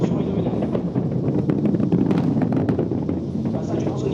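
A steady, heavy rumble roars from nearly 8 kilometres away, thick with low booming and scattered crackles, holding at an even loudness throughout: the thunder of the powerful boosters of an Ariane rocket launching 36 satellites, heard at the nearest observation point outside a wide exclusion zone.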